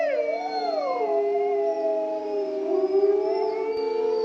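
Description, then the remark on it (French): Several wolves howl together in long, overlapping sustained tones, one voice sliding down in pitch at the start before the chorus holds steady, mournful notes throughout. “Donc, ils vont faire des hurlements et chaque individu a sa propre signature.”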